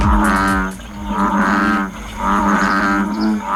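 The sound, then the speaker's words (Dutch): A deep, throaty American bullfrog call rumbles in repeated low drones, each croak swelling and fading in a steady rhythm, loud, with no voices. “En, oh ja, hij kan ook nog eens heel lelijk brullen.”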